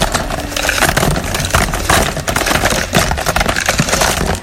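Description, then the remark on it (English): A steady cascade of small hard objects clattering and rattling as they are poured into a shuffle drum for a radio show's 8 o'clock Shuffle feature, a dense, busy jumble of clicks and knocks lasting several seconds, fairly loud. “First up, let's empty this week's songs into the shuffle drum.”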